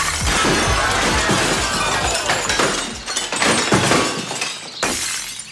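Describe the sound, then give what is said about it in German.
A prolonged, loud cascade of breaking glass, with many bright shards clattering and tinkling over several seconds as a tall pyramid of champagne glasses topples and smashes, no voices present. “Das bitte auch, Steini, die Sektpyramide, die muss dieses Mal...”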